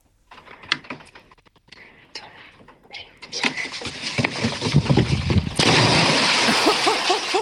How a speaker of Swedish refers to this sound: Oj, oj, oj, vilket plums! Det lät nästan som det var mer än två små barn som sprang ja, på den där bryggan. Dunk, dunk, dunk.